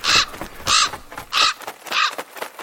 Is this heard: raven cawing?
yes